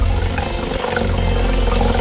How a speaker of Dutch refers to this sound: En het prijzenrad van Radio 10 stopt op.